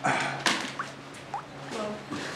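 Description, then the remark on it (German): A few separate drops of rainwater leaking through a roof plink indoors at irregular intervals, each a short bright blip, over a steady background hiss of rain. “Das Dach ist undicht.”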